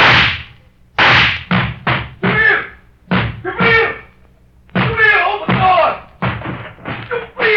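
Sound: pounding on a door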